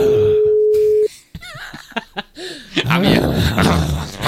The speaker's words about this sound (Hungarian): Jó, egyelőre ő nem vette föl, jöhet a következő telefonszám.